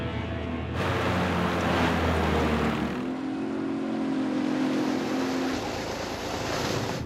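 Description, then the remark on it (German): Motorboat engines drone steadily on a Swiss lake, a continuous rumbling hum with a shifting pitch partway through, mixed with washing water and wind noise, loud, with no talking. “Sie sofort die Motoren. Hier spricht die Schweizer Seepolizei. Stoppen Sie sofort.”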